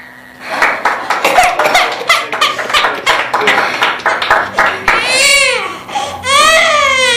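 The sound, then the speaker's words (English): A newborn baby girl cries: a rapid run of short, choppy sobbing bursts, then two long, high-pitched wails that rise and fall, loud and steady throughout. “Would you like to hold your baby”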